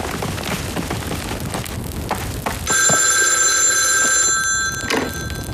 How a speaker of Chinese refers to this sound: 团长，电话。